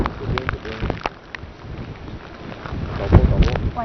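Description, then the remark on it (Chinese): Strong wind and heavy rain from Typhoon Bavi roar loudly and continuously, a dense rushing wash of noise that surges near the end, with faint voices partly buried underneath, during a live report from Dongtou District, Wenzhou, Zhejiang, China. “我们已经听到了风声雨声非常的大哈。”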